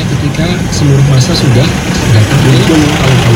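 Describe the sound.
Vehicle engines idle in roadside traffic near Pasar Meranggen in Demak, Indonesia, where a broken-down truck forces the lanes to alternate; a steady, fairly loud low rumble holds throughout, with a person talking over it.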